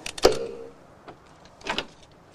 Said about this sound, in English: Outside in the darkness, Otto picks the lock on the front door.